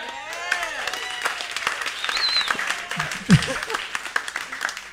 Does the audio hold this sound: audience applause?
yes